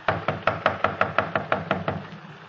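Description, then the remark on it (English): Police officers knock on a door in a rapid, steady series of about a dozen firm knocks, evenly spaced and fairly loud, with no voices. “Come on, open up in there. We know you're in there. Come on. Open the door.”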